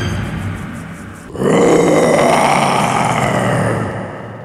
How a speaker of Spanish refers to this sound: Tiempo después, cazando el león, tropezó con una red oculta en la maleza, quedando prisionero. Atronando la selva, el león ruge fiero.